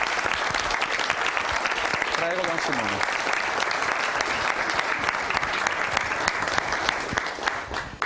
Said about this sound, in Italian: è un giovane prete, sta lavorando proprio sul tema i giovani e il progetto di vita alla Gregoriana di Roma con la tesi di dottorato, e possiamo accoglierlo con un applauso